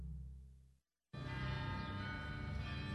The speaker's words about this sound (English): referred to this piece as a bell swirl on …